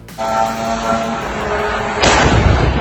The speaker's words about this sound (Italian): Questo è il momento in cui un drone russo entrato in uno spazio aereo della Romania si è schiantato sul tetto di un edificio residenziale a Galati vicino al confine ucraino, provocando un incendio, danni e due feriti lievi.